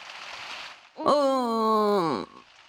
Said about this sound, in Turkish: Uyku tulumundan çıkmanın bir anlamı var mı? Hala çok yağmur yağıyor.